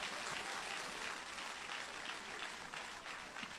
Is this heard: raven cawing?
no